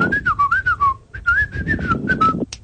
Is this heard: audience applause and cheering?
no